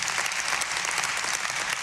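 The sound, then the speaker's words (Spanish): Sustained applause from a crowd, a dense, steady wash of many hands clapping at an even loudness throughout, with no voices standing out. “Denle un aplauso, pero serio y fuerte a Eliazar.”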